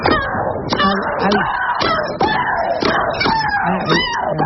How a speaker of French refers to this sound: Oui, alors celle que vous entendez, c'est la russe Maria Sharapova qui joue au tennis. Un de ses cris a été enregistré à 101 décibels. C'est plus bruyant qu'une tondeuse à gazon.